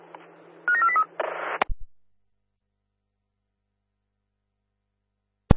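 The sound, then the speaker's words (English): A radio position alarm test tone over a base radio network, sent while checking duties in a public toilet: a quick run of short, high electronic beeps over a low hum, then a burst of static, a click, silence, and a final sharp click. “Mid, this position alarm testing to check duties in public toilet, please.”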